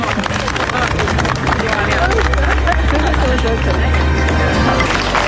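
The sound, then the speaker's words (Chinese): Dense, steady applause from guests at a Chinese-style wedding banquet, congratulating the couple after they serve tea to their parents, fills the whole stretch at a loud, even level, with a murmur of voices and a low humming drone underneath. “掌声祝贺。”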